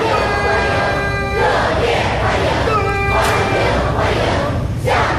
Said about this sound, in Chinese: 青少年热情欢呼致意， 热烈欢迎，欢迎欢迎。